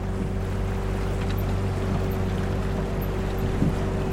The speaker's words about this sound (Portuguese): O barco se desloca pelo rio.